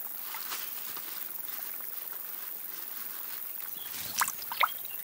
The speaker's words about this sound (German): Der kleine Bach wird zur lebensrettenden Oase.